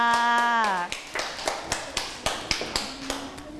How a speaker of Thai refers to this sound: หน้าตาดีโอ้โหเยี่ยมมากค่ะปรบมือให้กับเพื่อนของเราค่ะ